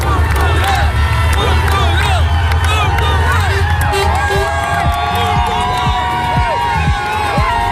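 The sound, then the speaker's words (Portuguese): A large crowd in Leiria cheers and shouts loudly and continuously as the national team (seleção) bus arrives before the match against Nigeria, with overlapping whoops, whistles and excited voices forming a dense, festive roar throughout. “O autocarro da seleção foi recebido assim antes do jogo com a Nigéria, o último teste para o Mundial.”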